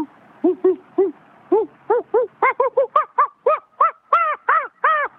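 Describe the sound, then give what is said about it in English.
Monkeys hoot in a rapid series of calls that climb steadily in pitch and intensity, building into an excited, frantic crescendo with no talking. “Because when you hear the monkeys start to freak out and they get louder and louder, that's when it gets.”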